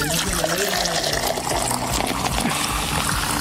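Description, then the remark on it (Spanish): A bottle of mineral water is opened and poured in a steady trickle, a continuous bubbling stream that runs for a few seconds, with faint voices in the background. “La primera agua mineral, claro está.”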